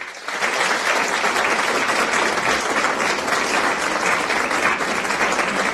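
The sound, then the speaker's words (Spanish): Steady, dense applause from a crowd, many hands clapping at once in a continuous wash of sound that starts abruptly and holds at an even, loud level without speech over it. The applause comes during a cooking quiz. “Aplausos cordialísimos.”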